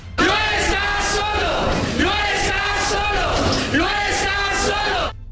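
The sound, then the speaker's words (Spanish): A crowd of voices in the Chamber of Deputies, including Morena lawmakers at the rostrum, shouts together in support of Rubén Rocha in loud, rising chants, the collective yelling swelling in repeated waves over about five seconds before cutting off abruptly. “una de las morenistas que subió a la tribuna, hay que recordar, ustedes seguramente se acordarán, allá en la Cámara de Diputados, a gritar en apoyo a Rubén Rocha.”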